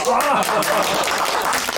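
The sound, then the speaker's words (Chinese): A burst of applause from a small group celebrating a colleague's new permanent job at the forestry bureau, dense and steady clapping throughout, mixed with overlapping voices and cheering. “此处可以有掌声啊！”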